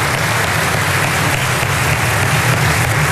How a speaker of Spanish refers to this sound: Y como lo señalé, el expresidente Piñera lo dijo y lo resumió en una frase que vale la pena dar un aplauso también al presidente Piñera, en paz descanse.